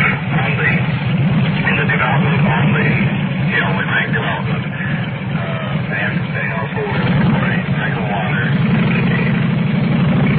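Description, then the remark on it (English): A motor engine runs steadily throughout with a low, rumbling drone, fairly loud, while people talk over it. “You probably could take a part of that coming up over that motor.”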